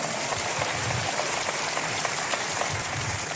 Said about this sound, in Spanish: Un aplauso para la pastora. ¿Cuántos aman a su pastora? Gracias, mi amor. Vamos, un aplauso fuerte.